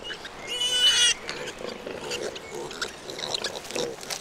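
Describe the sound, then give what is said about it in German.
Wild boar sows and young piglets on the island of Sardinia grunting and squealing, with a sharp burst of high squeals early on followed by a steady stream of snuffling grunts. “In ungestörten Rotten kommen die Frischlinge fast alle zur gleichen Zeit auf die Welt.”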